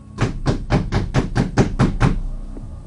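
Heavy, rapid pounding on a house door by a young man knocking violently, nearly breaking it: about nine loud, booming blows in a steady, fast rhythm, then sudden quiet. No one speaks.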